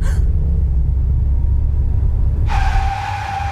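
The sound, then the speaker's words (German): A car engine rumbles steadily, then a sudden high tire screech cuts in as the car brakes hard for a red traffic light, squealing until the end. “Warum bremsen Sie denn?”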